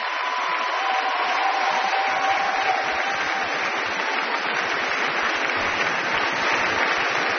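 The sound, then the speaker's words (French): Sustained, dense applause from an auditorium audience at a Viva l'Orchestra concert as the musicians stand to bow, the brass especially applauded; steady and loud throughout with no voices, a continuous wash of clapping hands lasting several seconds. “Vous voyez que les cuivres sont extrêmement applaudis.”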